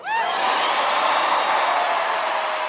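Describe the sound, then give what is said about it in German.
Loud, sustained standing ovation from the audience at the Grammys, a dense steady wash of clapping with a few whoops and cheers rising over it throughout. “Im Saal stehen Menschen auf. Applaus, standing ovations.”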